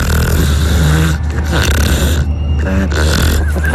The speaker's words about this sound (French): Je crois qu'on les entend bien les trucs ronfler, non? Elles ronflent bien là. Comment elles s'appellent celles-ci? Biscotte et pelote.